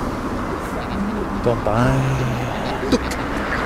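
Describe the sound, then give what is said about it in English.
Steady road traffic rumbles along in the background, a continuous low wash of passing vehicles, with a brief voice or cooing sound rising over it midway. “Traffic.”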